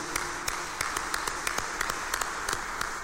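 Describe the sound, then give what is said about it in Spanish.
An audience applauds steadily in congratulation for about three seconds, a dense wash of many hands clapping with sharper individual claps popping out, moderately loud and with no voices. “y démosle fuerte el aplauso de felicitación.”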